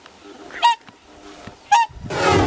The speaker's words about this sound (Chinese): 就在考察队员准备返回时，忽然听到了急促的叫声。原来是大天鹅夫妻意识到幼鸟出现了危险，急切地赶了回来。